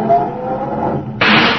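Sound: car engine revving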